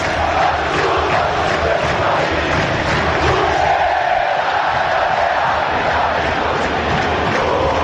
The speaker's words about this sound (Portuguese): Os jogadores estão cantando junto com a torcida. Junto com a torcida. Lá no campo, os jogadores e a torcida aqui na arquibancada cantando o hino do Clube de Regatas Vasco da Gama.